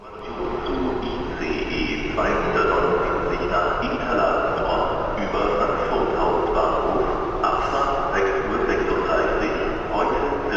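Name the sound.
train travelling on rails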